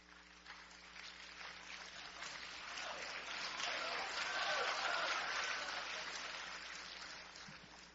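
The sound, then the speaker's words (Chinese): Sustained audience applause greeting crosstalk performers Li Weijian and Li Ding as they begin their act, a dense crackle of many hands clapping that swells toward the middle and eases off slightly at the end, with no voices over it. “哎呀，谢谢大家的掌声， 感谢大家的热情。”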